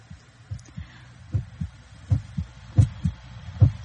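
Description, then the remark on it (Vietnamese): In a story, a man's heartbeat pounds like a drum in steady low thumps as he hears a door slam at night, paired beats repeating about every three quarters of a second, growing slightly stronger, with a faint hum underneath and no voices. “Hoàng nghe trống ngực của mình đập thình thịch như là có ai gõ trống vào đó.”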